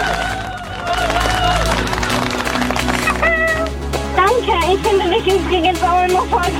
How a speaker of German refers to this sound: Wow. Dann ist das hier dein Applaus. Juhu!